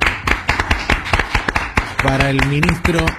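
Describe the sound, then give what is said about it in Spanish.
Brisk, steady hand clapping in Buenos Aires, sharp crisp claps at about four per second, from a small group rather than a crowd. A voice speaks over the claps toward the end. “así que yo te propongo que aplaudamos. Un aplauso.”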